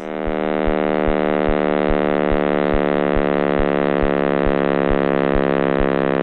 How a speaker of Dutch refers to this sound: Klinkt nog niet echt als muziek in de oren of zo? Een beetje een soort rare bromtoon.